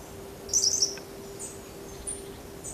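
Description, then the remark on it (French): Light, high-pitched bird chirps flutter briefly near the start, followed by a few softer, scattered tweets over a steady low hum. No one speaks. “Léger gazouillis qui contraste avec la rigueur du monde.”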